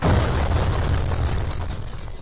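Fireworks explosions rumble loudly and almost continuously, with deep booms and crackling bursts overlapping into a dense roar that holds steady throughout, and no voices are heard.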